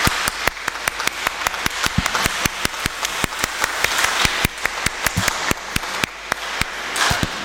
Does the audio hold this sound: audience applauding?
yes